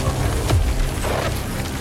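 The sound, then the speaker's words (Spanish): A glowing red projectile detonates in a loud icy explosion, a dense rumbling blast with a sharp crackling hit early on as jagged ice crystals form, then sustained roaring noise that holds steady to the end. “Detona frente a Tessa, creando cristales de hielo dentados por la explosión.”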